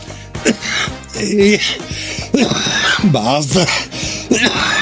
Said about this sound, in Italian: Basta tosse, sembra un vecchio bolso.